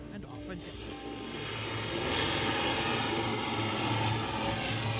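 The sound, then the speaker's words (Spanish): An airplane comes in to land, its engine roar a broad, steady rumble that swells louder over a few seconds and then holds, with faint indistinct voices underneath. “Cuando los aviones aterrizan, es como si salieran de todas partes y uno se pregunta de dónde salió toda esta gente.”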